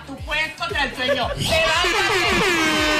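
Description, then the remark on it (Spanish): A loud, blaring wake-up alarm horn sound effect plays for about three seconds, its bright buzzing tones wavering at first, then swelling into a steadier, higher blast. “Es momento de nuestro despertador.”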